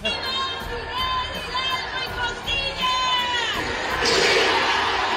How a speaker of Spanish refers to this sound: Si oíste ahí se escucha primero la gente, el Viva, y luego se escucha atrás bien fuerte el grabado.